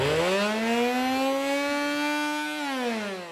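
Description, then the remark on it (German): A broken vacuum cleaner makes a loud, steady mechanical howl with strong harmonic overtones, rising slightly in pitch at the start, holding, then dropping as it winds down near the end. “Ich habe ja den kaputten Staubsauger mitgebracht.”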